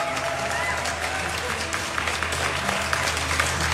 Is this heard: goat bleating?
no